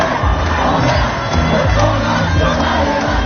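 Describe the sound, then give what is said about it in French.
A large protest march of students, high-school pupils and unions heading toward Place Masséna chants and shouts slogans in unison, such as "La jeunesse emmerde le Front National" and "Siamo Tutti Antifascisti", a loud, dense wall of voices with rhythmic rising calls, heard from within the procession. “Les slogans, les cris, les chants se mettent petit à petit en place.”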